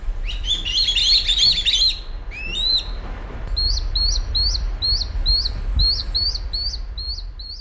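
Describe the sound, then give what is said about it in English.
Swallow-tailed kite fledglings from a local nest give high, thin begging calls as an adult kite delivers food, a small bird, to them: a rapid chattering burst, then a steady series of about ten sharp, whistled chirps, over a soft low rumble with no talking. “On Sunday, an adult kite delivered food, a small bird of some kind, to what were obviously its begging fledglings. It sounded something like this.”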